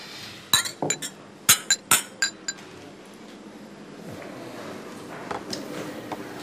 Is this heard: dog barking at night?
no